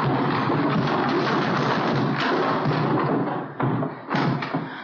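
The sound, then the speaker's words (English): Barrels being pushed over by two people: a loud, sustained rumble of heavy tumbling thuds and crashes, briefly easing near the end before one more burst of clattering impacts. “When I give the word, help me push these barrels over.”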